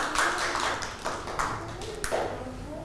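Children clap their hands for a classmate in a loose, uneven burst of applause, the claps overlapping and scattered rather than in rhythm, moderately loud.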